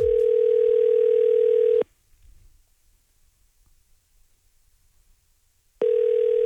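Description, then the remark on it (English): Two long bursts of a steady telephone ringback tone, separated by about four seconds of near silence, loud as an outgoing call to a phone number rings. “Let's see if the person at the other end of this phone number has the chaos code word that we require.”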